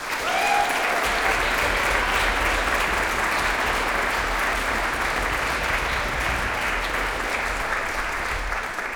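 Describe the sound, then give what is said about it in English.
A concert audience bursts into sustained, loud applause for musicians Emilia Amper, Olle Linder and Dan Knagg, a dense steady wash of many hands clapping that holds for the whole stretch with no voices rising above it. “So a big please applaud for Emilia Amper, Olle Linder and Dan Knagg.”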